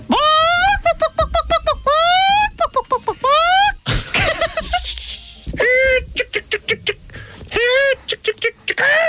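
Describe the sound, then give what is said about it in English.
On a radio show, a human voice does a loud, squawky chicken call impression, with rising harmonic clucks and bok-bok bursts in quick rhythmic runs, broken by a noisy breathy stretch in the middle. “They were talking about chicken calls this morning and did their very best impersonation.”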